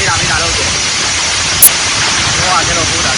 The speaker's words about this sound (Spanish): Es, por ejemplo, el sonido ayer en Tarragona, donde cayó pedrisco de hasta 5 centímetros.